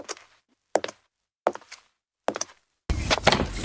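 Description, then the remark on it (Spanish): Four firm, evenly spaced knocks on a door, unhurried, with silence between each, then a sudden burst of louder rushing noise. “Imagínate que está llamando a tu puerta la aventura de tu vida.”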